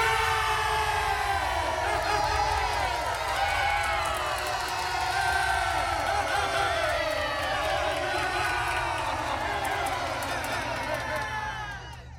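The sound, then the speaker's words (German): A large crowd, the people of Israel, cheers King Saul after he drove the enemies out of the land, a loud, unbroken roar of many overlapping voices, with rising and falling yells that keep going for about twelve seconds before easing slightly at the end. “Er vertrieb die Feinde aus dem Land und das Volk jubelte.”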